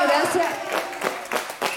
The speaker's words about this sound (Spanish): ¡Un aplauso!